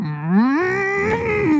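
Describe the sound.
A person imitates a cow with one long, drawn-out moo that rises in pitch, holds steady, then dips slightly at the end, loud and harmonic with no other sounds.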